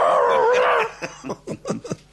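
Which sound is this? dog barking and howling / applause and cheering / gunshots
dog barking and howling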